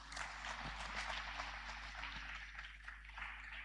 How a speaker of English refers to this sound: Be patient. Clap for Jesus.